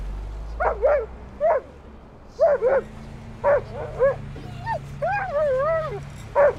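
A female dog barks an alert in short, sharp yips, about eight of them in uneven bursts, ending in a higher, drawn-out whining bark. A low hum runs underneath.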